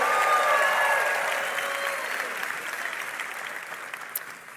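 Steady audience applause, a dense crackle of many hands clapping that holds loud at first and gradually tapers off, with faint voices and a cheer mixed in.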